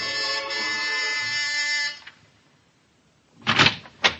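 A harsh electric door buzzer at a house on Sutton Place drones steadily for about two seconds, then cuts off; after a short silence come two quick, louder clunks, like a door being unlatched.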